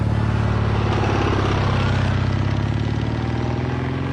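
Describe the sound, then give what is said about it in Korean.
A motorcycle engine roars steadily and loudly as it speeds along a street, a constant low rumbling drone with no voices, holding its pitch for the whole few seconds. “오토바이는 사정없이 질주해왔다.”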